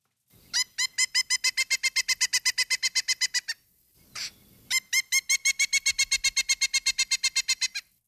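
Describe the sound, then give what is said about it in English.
A pileated woodpecker's loud, ringing vocal call: a rapid series of evenly spaced, high piping notes, a brief pause, then another long run of the same notes, clear. “That is the vocal call, and that's a call that a pileated woodpecker, one would make that call hoping to connect with its mate”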